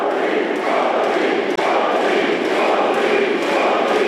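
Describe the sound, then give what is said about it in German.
Several thousand people roar and cheer continuously at a party campaign-launch rally in Magdeburg in July, a loud, dense wash of many voices with no pauses and no single speaker standing out. “Bei Parteiveranstaltungen wie dem Wahlkampfauftakt im Juli in Magdeburg jubeln ihm einige tausend Menschen zu.”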